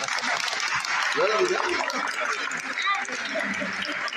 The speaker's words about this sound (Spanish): ¿Hay rosas hoy día presentes que levanten la mano? ¿Tenemos rosas? Bueno, hoy es Santa Rosa, así que les vamos a dar un gran aplauso a todas las rosas.